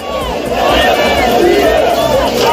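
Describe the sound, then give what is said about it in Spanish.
A crowd of about 6,000 people shouts and chants together at a demonstration against the expected victory of the far-right Alternative for Germany in the Saxony-Anhalt regional elections, Germany, in a dense, loud roar of many voices, with rising and falling yells over a constant wash of noise. “Y ayer unas 6.000 personas participaban en una movilización, esta que escuchan, contra la previsible victoria hoy del partido de ultraderecha Alternativa por Alemania en las elecciones regionales de Sajonia-Anhalt.”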